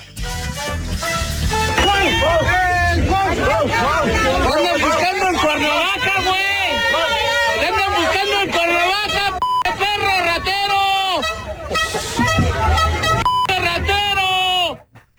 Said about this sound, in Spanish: Estuvo lleno de celebridades y entre ellas estuvo el diputado Cuauhtémoc Blanco, que no se salvó de los gritos de varios asistentes que se encargaron de expresarle mucho, mucho amor. Chequen esto.